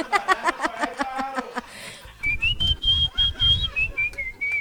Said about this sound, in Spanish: ¿Vio cómo me pueden pedir las canciones también silbando?